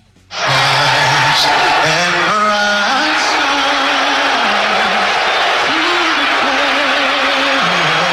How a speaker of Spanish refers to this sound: Abucheo en medio del canto del himno norteamericano. Ahí estaba presente en el Madison Square Garden, en la final de la NBA, estaba Donald Trump. Y pues así le fue. El chiflido, el abucheo generalizado.